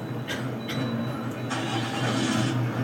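A bus engine starts up and idles with a low, steady rumbling drone, while short hissing bursts and a longer airy whoosh cut in over it.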